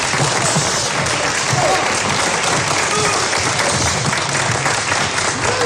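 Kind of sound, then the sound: crowd, audience applauding loudly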